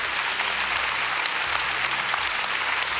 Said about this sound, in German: Oh, hör dir ruhig den Applaus an!